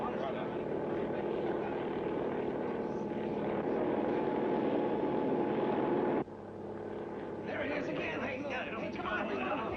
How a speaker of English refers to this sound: A party of scientific experts is now taking off by helicopter.